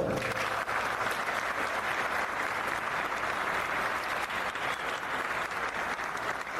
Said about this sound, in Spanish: Bueno, que se sienta más un aplauso para el estudiante de lo que se presenta en la secundaria.